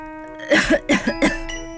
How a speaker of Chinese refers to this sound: 护卫队的队员们剧烈地咳嗽起来。